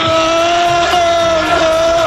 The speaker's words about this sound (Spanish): Ahí escuchamos a los, el grito de los seguidores del Liverpool y efectivamente el Poli Rincón, que se ha hecho con las baquetas del batería de ….